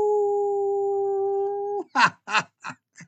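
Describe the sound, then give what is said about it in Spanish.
A person imitates a wolf howl: one long, steady, held note lasting nearly two seconds, then four short, rough yelping bursts in quick succession. “Entonces un gran saludo, otro aullido a mis queridos radioescuchas extraterrestres.”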